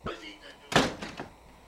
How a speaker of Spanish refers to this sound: Cierren la puerta.